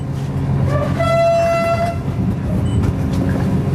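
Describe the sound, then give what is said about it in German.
Express train number 889, three carriages long, leaves Vilnius main station in Lithuania at 7:15 on a grey morning with sleet. It rumbles steadily with a heavy low clatter throughout, and a single sustained horn blast sounds for about a second midway. No one speaks. “Schnellzug Nummer 889 hat den Hauptbahnhof Vilnius in Litauen pünktlich um 7:15 verlassen.”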